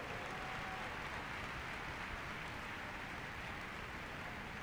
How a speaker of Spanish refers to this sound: Dele un aplauso al Rey, bien fuerte.